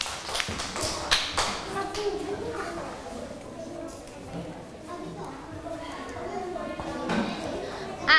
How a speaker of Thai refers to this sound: เก่งมากค่ะปรบมือให้เพื่อนๆด้วยค่ะ